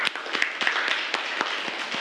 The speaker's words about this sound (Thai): อันนี้อธิบายได้ดีมากเลยนะครับขอเสียงปรบมือให้เพื่อนอีกครั้งหนึ่ง